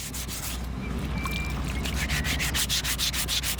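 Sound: filing a stone sculpture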